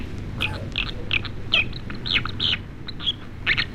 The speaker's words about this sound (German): So, und dann hätten wir noch einen, und zwar die Wasseramsel. Das finde ich ein toller Vogel, aber ich finde, es klingt ein bisschen wie ein Faxgerät.